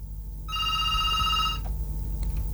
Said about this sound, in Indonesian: Oh, ada telepon masuk ya.